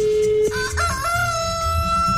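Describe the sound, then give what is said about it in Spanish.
A rooster crows loudly, one drawn-out cock-a-doodle-doo with a rising, sustained tone that fills the whole moment, heard on its own with no talking. “Vamos a ver que le cante el gallo ahí”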